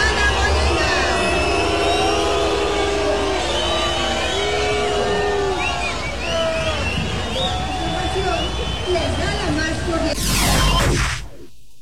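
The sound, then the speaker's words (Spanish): A large crowd at a World Cup celebration boos loudly and steadily for about ten seconds as Mexico City's head of government, Clara Brugada, is received; a dense roar of many overlapping drawn-out voices that swells slightly before cutting off abruptly. “No, sí fue abucheo.”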